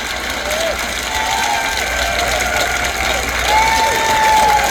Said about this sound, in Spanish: A este grupo le gustó y aplaudieron.